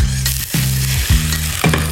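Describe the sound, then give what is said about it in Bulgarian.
Water sizzles in a frying pan with a steady, bright hiss over a low hum as a little more water is added to cook the food, broken by a few soft clatters of stirring. No one speaks. “Аз слагам още малко вода, за да се сготвят.”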